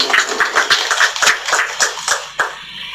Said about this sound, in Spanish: vamos a brindarle fuertes aplausos.